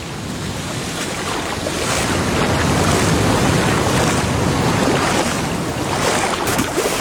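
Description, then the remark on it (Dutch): Waves wash steadily onto a beach in a broad, continuous roar of surf, swelling slightly after the first second, with wind buffeting the microphone and no voices. “We keren terug naar zee, waar verslaggever Merlijn Snijders en bioloog Marijn Roosen het water instappen”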